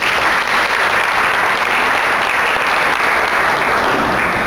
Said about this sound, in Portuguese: Beija a sua Bíblia, dá uma salva de palmas para a palavra do Senhor.